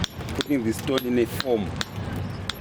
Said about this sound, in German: Das ist die erste Stufe, um den Stein in Form zu bringen. Dafür benutzen wir Hammer und Durchschlag. Die ersten Werkzeuge, um eine Form herauszuarbeiten.